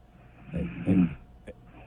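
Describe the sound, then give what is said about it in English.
A short, rumbling snore from a sleeping woman, with a couple of swelling low grunts close together, followed by a brief click, fairly quiet overall with no one speaking. “It turns out she's got a little snore situation. Oh, it's getting is this sound effects is getting bigger.”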